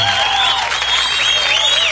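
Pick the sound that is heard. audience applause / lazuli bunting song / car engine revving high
audience applause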